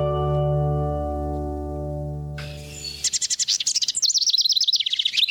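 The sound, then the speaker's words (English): A male common wren bursts into loud, rapid song while displaying to attract a mate, a fast run of high trills and chattering notes, following a few seconds of steady low droning tones. “Once a large selection of homes has been built, he displays and sings, inviting a mate to choose the one she likes best.”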